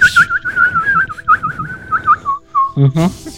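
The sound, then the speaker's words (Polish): A person whistles a warbling, birdlike call, a steady run of quick trilling chirps at one high pitch for about three seconds, ending with a short, brighter burst of sound. “To żeś wywołał ptaszka z lasu.”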